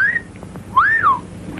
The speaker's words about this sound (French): Une jeune femme blonde marche dans la rue et lance un regard malicieux à un jeune garçon qui la siffle. Ce n'est pas une actrice, mais une mannequin new-yorkaise nommée Tippi Hedren.